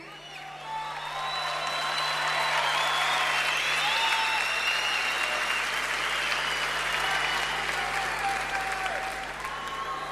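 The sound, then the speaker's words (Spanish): A large concert audience in Argentina applauds a guitarist honored at a tribute concert, clapping steadily for about ten seconds, the applause swelling after the first second and staying dense and loud, with scattered whistles and cheers mixed in. “Necesito que lo aplaudan con ganas.”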